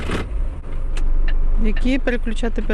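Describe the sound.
The heavy engine of a large truck, 9 metres long, turns over and swells into a steady low rumble, idling loudly as a learner starts it on a driving licence exam track on the outskirts of Kyiv, while voices speak over it near the end.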